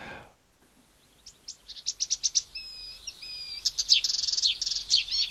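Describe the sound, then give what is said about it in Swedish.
A marsh warbler sings a rapid, varied song of sharp chirps, buzzy trills and thin whistled notes, delivered in quick bursts with no talking. “Vi tar och ser om vi kan höra lite på kärrsångaren.”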